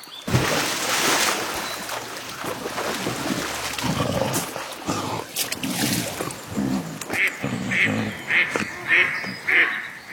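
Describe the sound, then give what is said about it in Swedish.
A duck quacks repeatedly in loud, nasal bursts, ending in a quick rhythmic run of five or six quacks over a noisy, rushing background. “Kompe krockar med en and. Anden rusar upp på land.”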